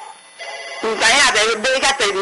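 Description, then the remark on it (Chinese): A telephone rings with loud, warbling electronic tones in quick repeated bursts, starting abruptly after a short, quiet hum, while the phone lines are all full. “电话拢满线”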